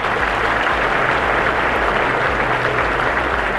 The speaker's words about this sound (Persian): تشویق نداره؟ تشویق داره دیگه.